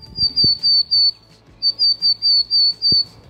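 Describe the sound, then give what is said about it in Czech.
A willow tit calls in two bursts of nasal, buzzy notes, four then six, clear, with a short pause between the series and faint low background noise. “Pokud typujete síkora lužní, máte taky pravdu.”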